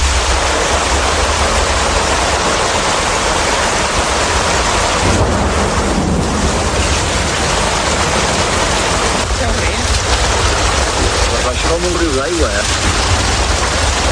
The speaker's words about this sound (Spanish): Esa tarde íbamos a una cena para despedirnos ya de mi tío y mi primo, concretamente, y nos cogió la tormenta en medio de todo y como consecuencia la riada.